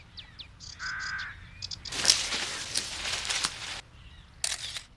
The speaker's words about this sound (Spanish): El canto de esa ave suena como el de un... trinador de cresta azul. No debo hacer ruido. Si no, lo asustaré.